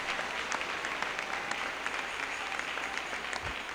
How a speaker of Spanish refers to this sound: Oh, dele un aplauso al Señor.